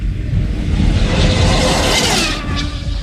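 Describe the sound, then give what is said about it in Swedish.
A small, fast radio-controlled car, the Mack Reaper, a special car built by a Briton that reached 413 km/h, roars past during a test run with a loud, steady rushing whoosh that surges and fades slightly near the end. No one speaks over it. “Och jag hittade ett klipp på YouTube när de håller på att testa den här bilen.”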